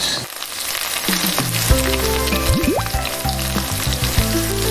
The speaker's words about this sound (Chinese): 咱们就都下进去了。这个复炸咱不要炸太久，炸差不多30-40秒，一分钟就顶够了。我觉得差不多了啊。嗯， 听到这个声音啊。